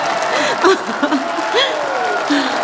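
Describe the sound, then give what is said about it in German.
An audience applauds Anne's performance steadily, a dense, even wash of clapping that holds at the same level throughout, with voices and murmurs mixed in underneath. “Es ist dein Applaus.”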